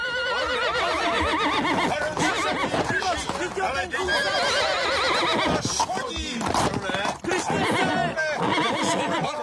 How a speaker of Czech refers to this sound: Ten kůň je hotový ďábel.